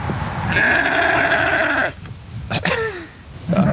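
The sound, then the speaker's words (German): Three sheep bleat loudly behind the Gemüsebau Brill vegetable farm in Bubach-Kalmesweiler: one long, wavering bleat, then a shorter falling call, with another just starting at the end. No one is speaking. “Und dazwischen, also zwischen der vielbefahrenen B10 und diesen 3 Schafen ohne Namen, da wächst das Gemüse”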